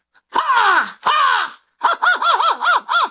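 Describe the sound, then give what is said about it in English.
A person loudly imitates an American crow: two long, harsh, descending caws, then a rapid run of five shorter, bouncing caw notes, forceful with no other sound. “Why don't you do the American one first and then a British one, and we'll see if we can hear the difference.”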